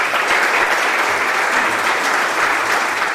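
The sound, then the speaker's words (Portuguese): A crowd of political representatives, members of civil society and families in a hall applauds steadily for about two minutes, a dense, even wash of many hands clapping at constant loudness with no voices rising above it, filling the whole stretch without a pause. “Pois estes aplausos que escoitamos foron tamén moi simbólicos porque duraron alrededor de 2 minutos aproximadamente.”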